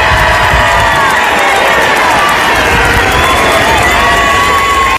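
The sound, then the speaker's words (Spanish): A packed Plaza de España roars with a dense, continuous crowd cheer, many voices shouting and whooping together at a steady loud level, with occasional higher cries and whistles rising above the din. “La Plaza de España está a reventar y escuchamos el sonido.”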